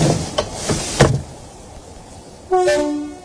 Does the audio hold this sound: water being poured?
no